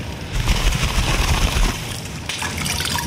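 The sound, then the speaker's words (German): Water pours steadily for a few seconds, a continuous splashing gush with a slight shift in tone partway through, as water is offered to a guest by a hearth fire. No one speaks. “Wasser? Nein? Na egal.”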